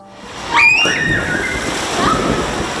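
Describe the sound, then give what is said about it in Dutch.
A person plunges into the swimming pool at Zwembad Het Bun in Urk, Netherlands, reopened after renovation of its tiles, with one loud, sudden splash, followed by a steady wash of churning, sloshing water. Brief high-pitched voices ring out around the moment of the jump. “De verlossende sprong.”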